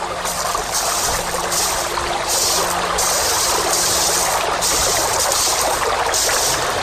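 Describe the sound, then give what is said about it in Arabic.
A river flows steadily with a continuous broad rushing and hissing of moving water, fairly loud, with no pauses and no voices. “كيف سأعبر هذا النهر إلى الشاطئ الآخر؟”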